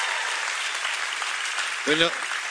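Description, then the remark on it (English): An audience applauds steadily to welcome home a pastor now serving in Grenoble, France, a dense, even wash of clapping that stays loud throughout, with one brief voice shouting or cheering over it near the end. “No golf claps here.”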